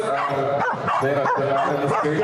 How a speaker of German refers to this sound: Aber mein Lieblingswettbewerb ist ehrlich gesagt, dass Corgi um die Wette bellen, der lauteste Corgi gewinnt. Finde ich toll.